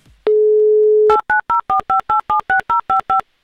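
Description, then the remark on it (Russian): A steady telephone dial tone for about a second, then eleven quick touch-tone keypad beeps dialing a number in an even rhythm, clear with no voices, as a radio host calls a listener in Saint Petersburg. “Номер телефона мы набрали. Ждем соединения.”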